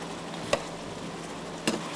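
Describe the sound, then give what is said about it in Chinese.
Hot oil, the same oil used earlier to fry the ribs, is drizzled over braised ribs as a finishing glaze, giving a steady, soft sizzling hiss throughout, broken by two sharp clinks about a second apart. No one speaks. “下一步我们用刚才炸排骨的油，一定是热油，再打明油。”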